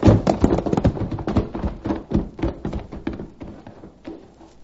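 animal, horses' hooves pounding

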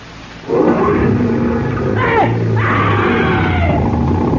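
vehicle, car engine being revved

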